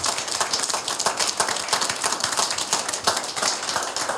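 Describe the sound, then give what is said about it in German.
Steady applause from a crowd at an IHK event in Gera, for those who presented the event, a dense continuous patter of many hands clapping at an even level throughout, with no voices standing out. “Sollten Sie sich dieser Meinung anschließen, vielleicht einen kleinen Applaus für alle, die diese Veranstaltung heute präsentiert haben.”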